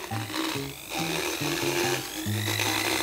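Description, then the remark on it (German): A power tool grinds down the sharp hooks that form on the molars of Otto, a horse, in short, uneven bursts. Its low buzzing pitch steps up and down as it rasps, ending in a longer steady grind. No one speaks. “Allein 24 Backenzähne hat ein Pferd und an denen bilden sich gerne mal sogenannte Haken, die mit der Zeit am Zahnfleisch wehtun, also wieder abschleifen.”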